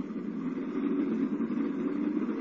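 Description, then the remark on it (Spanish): A car engine rumbles steadily, a continuous mid-low drone at even loudness with no voices, as a parked car pulls away on the road back to the city of Tokyo. “Instantes después, guiados por el servidor del doctor Kiro, y cuando este ha cortado la corriente eléctrica de la verja, Calimán y Solín abordan el coche estacionado cerca y emprenden el camino de regreso a la populosa ciudad de Tokio.”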